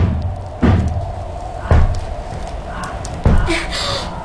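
Three heavy knocks thud against a door at uneven intervals, each a loud, booming impact with a short ring-out, over a steady low background hum.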